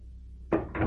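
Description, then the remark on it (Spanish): An office door opens: a sharp wooden clack, then a brief scraping rush of movement right after it, over a faint low hum. No one speaks. “Sí, sigue. Abre la puerta.”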